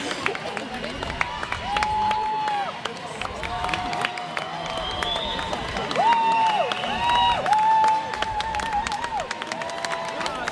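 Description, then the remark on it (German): A crowd cheers on a boat race as the Flinterkahn boat comes past, a steady, dense roar of voices and clapping, with several long, high whistle-like tones rising above the noise. “Die Stimmen werden lauter, es wird sich gefreut.”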